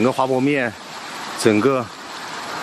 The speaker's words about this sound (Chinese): 整个滑坡面大概还在流水，还在冲刷，大概可能有50米左右吧，一直到底下，然后面这个整个上面还有这个碎石一直在往下掉。